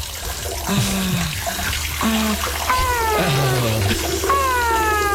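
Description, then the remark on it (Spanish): Water pours steadily from a tap in a continuous hiss, while a cat meows repeatedly over it in several drawn-out, wavering calls. “Pero pastor, cierre la llave, hola.”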